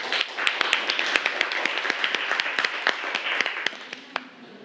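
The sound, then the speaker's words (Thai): Applause from a group of classmates for the first classmate presenting an artwork, a dense patter of many hands clapping at a steady level with sharp individual claps standing out, thinning slightly toward the end. “เดี๋ยวมาชมผลงานของเพื่อนคนแรกกันขอเสียงปรบมือให้เพื่อนหน่อยครับ”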